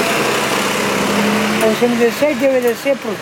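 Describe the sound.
Steady close engine rumble of a city bus idling and pulling away, with a voice talking over the engine noise in the second half.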